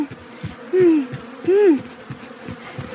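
Bees buzz steadily at Pinky's bee farm, a low droning hum with two louder swells as insects pass, then fading back to a softer background buzz.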